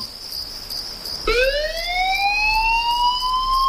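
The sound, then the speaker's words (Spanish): An electronic emergency alarm sounds at 4 a.m. on Tenerife, signalling that someone needs help somewhere on the island. It is a steady high tone that suddenly drops and then sweeps upward in rising, siren-like harmonics, holding loud and continuous with no one speaking. “Son las 4 de la madrugada. Suena un aviso.”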